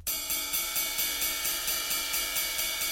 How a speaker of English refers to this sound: And then I played my ride cymbal.